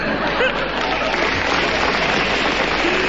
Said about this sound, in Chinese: 你从大家的掌声，你难道悟不出点什么东西来？